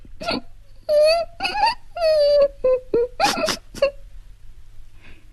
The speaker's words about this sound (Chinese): 凄婉低回的哭声使窝蚊子在怜悯的思绪中又夹杂了深深的负疚。